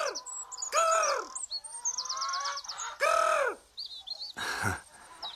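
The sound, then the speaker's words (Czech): A golden eagle calls with loud, drooping cries, three or four strong bursts, threaded with quick, high chirps and trilling notes between them. No one speaks. “To je přece orel. Orel skalní, veličenstvo ptactva.”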